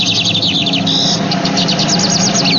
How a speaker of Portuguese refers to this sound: É o bigodinho, passarinho de hoje. Palmas pra todo mundo! É o bigodinho.